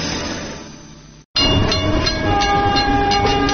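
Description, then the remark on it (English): A train rumbles past, loud and steady, with a sustained horn blast sounding over the rolling clatter after a brief cut of silence. “I found out the hard way what a train can do.”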